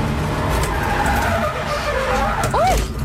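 A race car's tires skid and squeal as it spins out during a lap on a track, with a loud engine roar underneath and sweeping high-pitched screeches rising and falling near the end.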